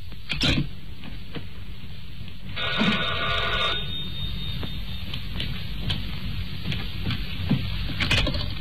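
A telephone rings once with a bright, buzzing trill lasting about a second, early in the morning on a long-distance call to the Paris exchange, set against steady low background rumble and scattered faint clicks and taps.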